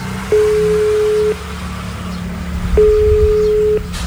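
Two long, steady ringback tones from a phone on speaker, each about a second, separated by a pause, over a low rumbling background hum.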